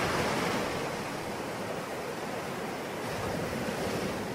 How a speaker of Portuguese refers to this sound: Bom, mesmo que você não tenha o privilégio de morar à beira-mar, faça como eu, como o nosso Viva Maria de hoje, que é um convite para que você se deixe levar pela força das ondas, das marés